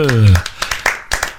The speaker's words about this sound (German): Und so langsam können wir uns ja schon mal in Stimmung bringen. Jubel!